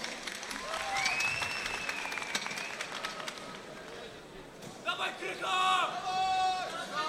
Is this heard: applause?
yes